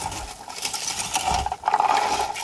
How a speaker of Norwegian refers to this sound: Hva er det lyden av? Åh, er det blåvær som rasler ned i plukkeren?